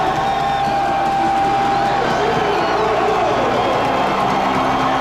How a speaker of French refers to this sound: Oui, on entend justement des partisans endiablés, David. C'était hier soir au Centre Georges Vézina du côté de Chicoutimi. Une victoire de 5-1 contre les Wildcats